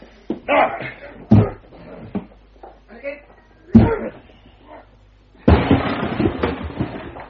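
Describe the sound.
Two heavy thuds as shoulders strike a door a few seconds apart to break it down, amid grunting voices, then a loud splintering crash as it gives way, followed by clattering noise.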